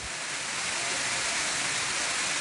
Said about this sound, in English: The torrential rain that pounded cities east of Tokyo flooded roads and dozens of homes and caused power outages.